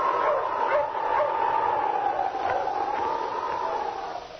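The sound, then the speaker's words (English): A dog barks in short, repeated bursts over a steady, wavering whine that runs the whole time, loud, with no talking. The dog is King, Sergeant Preston's wonder dog, in the Yukon during the gold rush. “Now back to the days of the gold rush when Sergeant Preston and his wonder dog King battled through storm and snow to preserve law and order as they met the challenge of the Yukon.”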